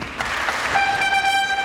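A shrill, buzzy toy trumpet blares a sustained note about halfway through, following a few scattered noisy bursts, with no voices over it.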